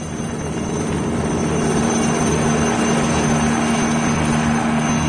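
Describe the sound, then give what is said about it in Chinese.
A helicopter drones loudly and steadily, its engine whine and rotor hum holding constant without fading, as it turns through a mountain valley and climbs away under gunfire, with no voices present. “黑豹咬紧牙关，拼力地操纵着直升机，转过山谷，拉高远去了。”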